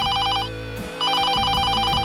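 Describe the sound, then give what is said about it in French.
Camilla's telephone rings in the countryside around 5 a.m. on 31 August 1997, with rapid, trilling bell bursts in two clear rounds separated by a short pause, fairly loud, layered over a low sustained musical background. “Le 31 août 1997, Camilla se repose à la campagne quand son téléphone sonne vers 5h du matin.”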